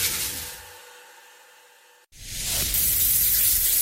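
Water sprays in a steady, loud hiss after a softer, fading opening with faint tones and a brief silent cut, like a shower running at full flow.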